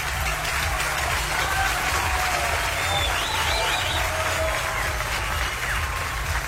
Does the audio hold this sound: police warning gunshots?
no